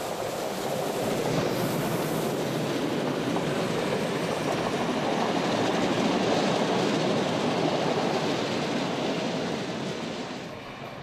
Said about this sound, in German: Auf der Fahrt durch den Hochmoorwald passiert unser Zug den Windquellweiher.